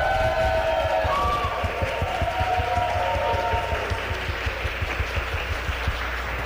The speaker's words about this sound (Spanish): Tenemos un gran equipo que agradecemos. De este lado, de una vez, un aplauso para nuestro equipo de ingeniería, por favor.